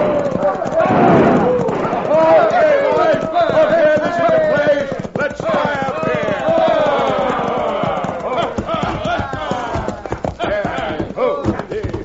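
Several horses carrying a crowd of hoodlums gallop into the town of Dos Rias in a steady drumming of hooves, loud and continuous, while the riders whoop and shout over the pounding throughout.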